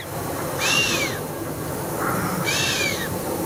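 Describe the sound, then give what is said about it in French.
Two sharp, airy whistling snorts blown through the nose by a chamois in the mountains, each a breathy hiss with a thin whistle that rises and falls, separated by a pause of over a second, with no voices. “C'est le chamois qui souffle comme ça en sifflant.”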